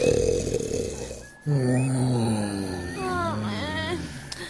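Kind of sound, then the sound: human body sound, snoring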